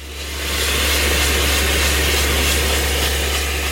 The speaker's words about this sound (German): Spezialisten von einer externen Baufirma seilen sich dafür von der Terrasse in die Wand ab. Ein Mann setzt der Bohrer an einem genau definierten Punkt an. Sein Kollege oben steuert die hydraulische Bohrmaschine.